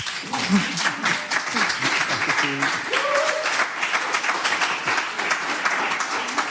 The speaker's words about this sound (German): Vielleicht darf ich Sie noch mal einen kleinen Applaus bitten.